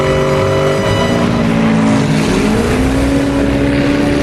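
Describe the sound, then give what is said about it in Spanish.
A motorboat engine roars loud and steady, its droning pitch sliding upward partway through as the boat speeds past. No one speaks. “¿Qué fue eso? Una lancha con un negro enorme.”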